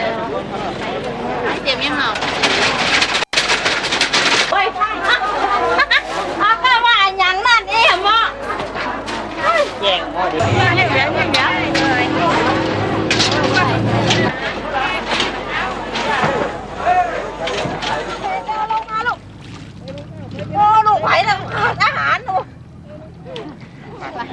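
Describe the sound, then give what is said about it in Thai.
Dense crowd chatter fills a busy fresh market in central Lampang at dawn, crowded with people and goods as locals shop ahead of an annual merit-making festival. Many voices overlap, with children's voices and shouts rising out of the steady hubbub throughout. “ตอนอรุณรุ่งตลาดสดใจกลางเมืองลำปางก็เริ่มแน่นขนาดด้วยผู้คนและสินค้านานาชนิดแต่บรรยากาศในวันนี้ดูจะคึกคักเป็นพิเศษด้วยชาวลำปางตั้งใจจับจ่ายข้าวของมากมายเพื่อเตรียมสำหรับงานบุญประจำปีโดยเฉพาะ”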